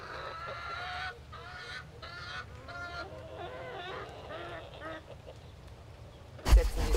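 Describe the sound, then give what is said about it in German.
Chickens kept at a Straußwirtschaft (seasonal wine tavern) cluck in a steady run of short, nasal, repeated calls while being offered wheat, with no one speaking, ending in a sudden loud, harsh burst of noise. “Und was mögen die Hühner?”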